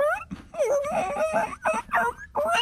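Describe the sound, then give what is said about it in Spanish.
A person mimics a whimpering puppy, producing a run of high, wavering whines that rise and fall in quick succession with short breaks between them. “Ustedes lleguen como perritos y”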